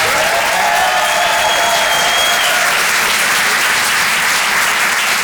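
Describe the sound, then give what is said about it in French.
Loud, sustained applause from a large audience at the Rire et chanson Comedy Club after a stand-up comedian's set, dense clapping that fills the whole stretch, with a faint whoop or cheer rising briefly near the start. “Faites du bruit, s'il vous plaît”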